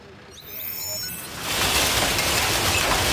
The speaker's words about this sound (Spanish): Así de fuerte ha caído la lluvia durante la tormenta en Besalú, en la provincia de Girona.